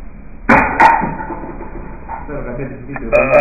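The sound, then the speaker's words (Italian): A long, croaky burp after drinking Coca-Cola rumbles on for a couple of seconds after a pair of sharp knocks, its rough voiced tone wavering before trailing off. “E questo ruttino per introdurvi la stramaledetta intervista che io adesso vi manderò.”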